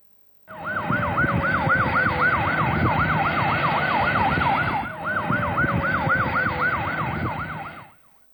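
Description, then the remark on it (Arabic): Ambulance sirens wail in a fast, rapid yelp over loud rumbling road traffic, continuous, with a brief dip midway as one vehicle gives way to the next. Two ambulances are speeding one behind the other. “يعني كل سيارتين اسعاف ماشيين ورا بعض ومسرعين الا وناخذهم على اساس انه احداث عظيمه.”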